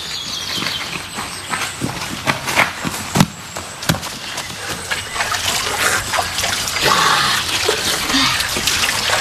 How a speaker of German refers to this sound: Schau, da unten ist eine kleine Quelle. Da setzen wir uns ein wenig ins Gras, trinken vom frischen Wasser und dann wandern wir weiter.